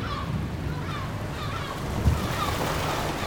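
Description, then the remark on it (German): Steady rushing water and surf noise wash continuously around a boat moving through ocean waves, with a low rumble underneath and a brief thump near the end, moderately loud. “Das Boot bewegt sich. Die Insel liegt hinter uns.”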